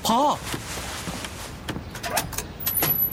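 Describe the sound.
A door is opened: a few sharp latch clicks and rattling knocks, then a short scraping swing, after a brief voice at the very start; the door is opened so a father can talk with his child.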